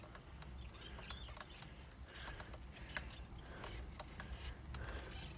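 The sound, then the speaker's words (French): A bicycle squeaks and creaks in short, irregular chirps over a steady low rumble of riding noise, the mechanical squeals repeating every fraction of a second without any talking. “Ça chante. C'est pas mal, hein ? Ouais, ça grince un peu, ça commence à mal.”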